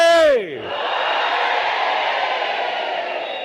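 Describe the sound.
A single voice calls out with a sliding, falling cry, and a large crowd of men and women at a political rally in Mozambique answers at once with a loud, sustained roar of shouting that holds steady for several seconds.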